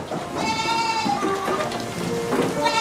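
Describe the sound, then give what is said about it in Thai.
Several goats, raised by villagers of Tha Sap, bleat in overlapping, wavering calls, loud, against a steady background hiss like light rain or outdoor ambience. No one speaks. “ชาวบ้านท่าสาบส่วนหนึ่งเลี้ยงวัวและแพะเป็นอาชีพ”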